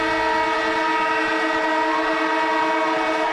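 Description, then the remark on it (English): A loud, steady siren blares on the 774 ABC Melbourne radio show Afternoons, signalling that AFL legend and ABC sports commentator Cameron Ling is in with breaking news; a rich, buzzy horn-like tone holding one pitch without a break for the whole few seconds. No one speaks. “And the siren goes off, which means Cameron Ling, AFL legend, ABC sports commentator, is in the house with some breaking news, Lingy.”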